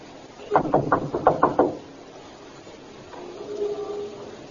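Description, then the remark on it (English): Police officers knock on the front door of a house: about six firm, evenly spaced knocks in a quick burst, distinct, followed by a few seconds of quiet with a faint low hum. “Knock again.”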